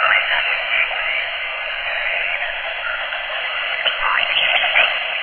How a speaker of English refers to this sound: Something is transmitting through the static. Listen carefully.